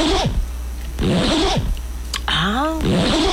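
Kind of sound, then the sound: household object, clothing zipper being pulled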